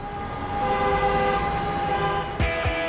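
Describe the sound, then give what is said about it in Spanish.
A loud car horn blares steadily for nearly three seconds over a low rumble of city traffic in Bogotá, with a sharp burst of noise just before the end. No one speaks. “Exceso de bocinazos, acelerones innecesarios y obras sin control contribuyen a la contaminación auditiva.”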